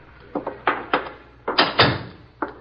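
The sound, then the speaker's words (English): A door is worked open: a string of sharp clunks and rattles, then a louder, longer scraping creak in the middle, followed by two more soft knocks. No voices. “Get the door.”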